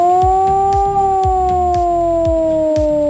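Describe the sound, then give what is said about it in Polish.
A loud civil-defence alarm siren wails continuously, sounded nationwide during the Alarm 26 exercise, its steady tone sagging slightly in pitch, with a regular low thumping pulse running underneath. “A w całym kraju można dziś usłyszeć wycie syren alarmowych.”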